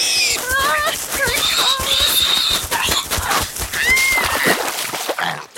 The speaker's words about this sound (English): Oh, no. No, the pig. Not again. Oh, it charges me every time I walk home from school.